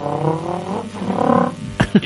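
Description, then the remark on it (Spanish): A voice imitates a motorbike revving up, a buzzing, rising engine drone held for over a second, followed by two short sharp bursts at the end. Fairly loud. “yo tenía un profesor que nos hacía las motos, hacía”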